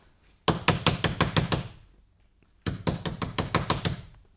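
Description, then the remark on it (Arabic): Two bursts of rapid knocking on a wooden door, knocking again to wake a sick man, each with about six to seven firm raps, separated by a short pause. Fairly loud, with no voices. “سأعاود طرق الباب عليه.”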